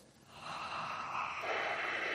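Heavy, noisy breathing: a long rasping breath that shifts partway through into a deeper, rougher exhale, with no talking.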